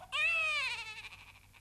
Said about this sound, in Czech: Chlapec pláče.